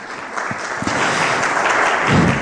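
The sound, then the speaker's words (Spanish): A church audience applauds Jesus during a sermon, a dense, steady wash of many hands clapping at once that holds strong throughout and swells slightly near the end, with a few voices faintly mixed in. “Denle un aplauso poderoso a Jesús, por favor.”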